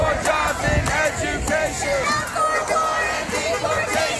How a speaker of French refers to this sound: Même des clients de l'hôtel se joignent à la manif et des personnes circulant en voiture viennent simplement se garer en plein sur l'avenue.